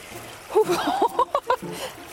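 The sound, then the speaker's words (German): Feet slosh and splash through the cold water of the Bode river at Altenbrak on the Harzer Hexenstieg trail in the Harz, doing the Kneipp stork walk, in a few irregular, uneven steps, moderately loud, with brief vocal sounds mixed in among the splashes. “Aber das Wichtigste beim Kneipen ist hier der Storchengang.”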